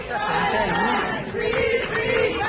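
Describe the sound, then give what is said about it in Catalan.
A dense crowd cheering and shouting together at the arrivals exit of Barcelona's El Prat airport as a Palestinian activist comes out, sustained and loud throughout, with rising voices and chant-like swells over a constant roar of many people. “És el del moment de la sortida per la porta d'arribades de l'aeroport del Prat de Barcelona de l'activista palestí amb passaport espanyol”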